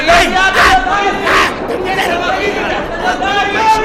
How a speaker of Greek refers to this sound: τι έχουν πάθει όλοι αυτοί και κάνουν έτσι σαν τρελοί? Φωνάζουν, βοήθεια, ζήτω κραυγάζουν, με χειροκροτούν και πάλι ουρλιάζουν.